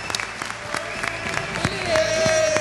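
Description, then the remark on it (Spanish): Scattered clapping from a group of people applauding Messi, a steady patter of sharp hand claps with a faint murmur of voices mixed in and a thin whistle-like tone rising near the end. “Bueno, un aplauso para Messi.”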